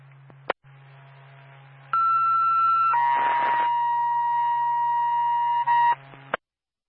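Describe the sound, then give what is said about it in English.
A Twin State Bethel ambulance dispatch paging tone over a radio, the second tone for an ambulance call in Bethlehem: a steady electronic tone holds for about a second, then shifts to a second sustained pitch for several seconds over a low hum, ending abruptly. “Twin State Bethel, ambulance, second tone”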